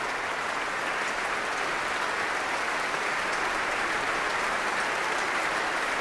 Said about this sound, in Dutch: Ja, het zit hier behoorlijk vol. Er wordt nog steeds geapplaudisseerd. Niet alleen door het publiek, maar ook door muzici uit het orkest zelf. Voor hun gastdirigent en solisten.